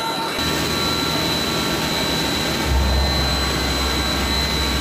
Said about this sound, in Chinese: 我们今天要在铅笔芯上刻一个糖葫芦的形状，这个材质比较软，加工方式比较难，特别考验学生的一个切削的一个能力。我们现在已经把铅笔已经固定在机床上面了，铅笔芯已经削出来了，然后一会儿由我们先锋班的同学进行一个实践的操作就可以了。